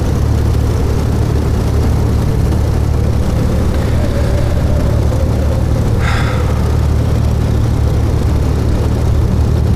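A loud, steady airplane engine drones without pause, a dense low rumble filling the whole stretch, with a short high chirp cutting in briefly near the end. No one speaks.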